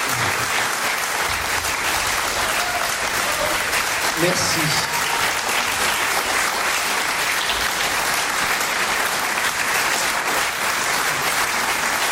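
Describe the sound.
Sustained audience applause fills the whole stretch, a dense, steady wash of many hands clapping at an even loudness, with a brief spoken word near the start.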